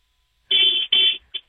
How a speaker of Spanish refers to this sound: Ay, está como ronco, ¿no? Es el... no sé. Está como ronco, o sea, tu claxon, ¿no?